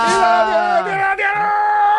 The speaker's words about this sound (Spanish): Vaya, menudo grito que me ha pegado. Realmente a mí me ha dejado descolocado.